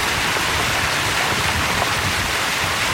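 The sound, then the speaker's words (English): Floodwater pours over a road, washing out part of Highway 7 in the Stonewall area after 255 millimeters of torrential overnight rain, in a steady, dense, loud rushing roar, continuing without pause and with no voices. “Water pouring over roads, washing out and closing parts of Highway 7.”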